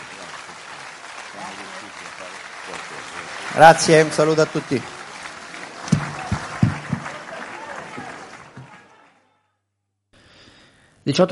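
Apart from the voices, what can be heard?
audience applause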